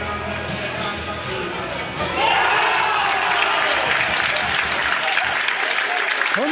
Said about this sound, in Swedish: Mycket fint mål av hemmalaget som alltså leder nu. 1-0 och får publiken här på Korsbergsvallen att ställa sig upp och jubla trots värmen.